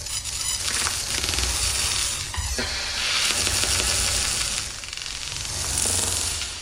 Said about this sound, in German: diese mal technisch und mal naturhaft klingenden Töne dann so ganz unterschiedliche Assoziationen ausgelöst. Elektrische Impulse und elektronische Klänge einerseits, aber auch Grillenzirpen, Lagerfeuer knistern